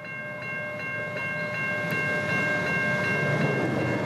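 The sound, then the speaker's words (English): A train rumbles past at a level crossing while the crossing bell dings in a steady, rapid rhythm, loud, with no voices. “You'll also know that when that train passes, the flashing lights stop, the boon gates go up, and it's safe to go.”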